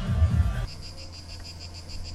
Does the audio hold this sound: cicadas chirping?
yes